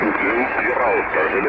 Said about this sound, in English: There's a lot of QRM starting up, but we're trying to hold the frequency